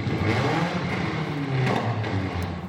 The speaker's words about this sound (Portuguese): Estas imagens foram feitas por outra câmera de segurança e moradores, mostrando a condução perigosa do veículo pelo motorista e o excesso de barulho feito pelo carro.